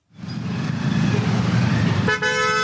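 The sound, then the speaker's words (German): Dense morning street traffic in Delhi, India, rumbles steadily with engine noise as two-wheelers squeeze through gaps, then a loud, sustained car horn blares near the end, with other honks mixed into the busy roadway din. “Ein typischer Morgen in Delhi. Der Verkehr nimmt zu, von überall her ertönen Hupen.”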